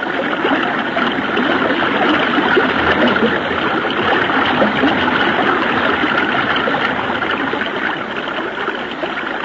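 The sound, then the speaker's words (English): A steady, loud rush of a flowing river current with continuous churning and splashing as people are carried downstream, unbroken for the whole stretch, with no voices. “When I let go of this limb, I'll let the current take us downstream.”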